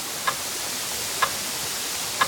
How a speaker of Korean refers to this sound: 귓가에서 시계 초침 소리가 들렸다.